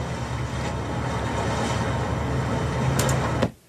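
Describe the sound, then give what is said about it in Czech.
A steady, loud low rumble of a ship's engine, a separate ship sound track from a film's sound edit, drones on with a broad wash of noise above it, then cuts off abruptly near the end. No one speaks. “Máme zvuk lodě.”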